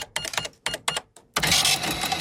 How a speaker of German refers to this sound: Aber so eine ganz klassische Kasse, wo man damit durchrechnen kann